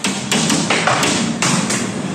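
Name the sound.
hailstones hitting window panes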